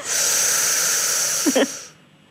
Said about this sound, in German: Also jetzt liege ich und jetzt muss ich... Jetzt atmen Sie mal ein.